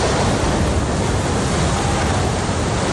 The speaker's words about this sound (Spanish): Este era el momento en el que la tuneladora Mairit llegaba a la estación de Madrid-Río.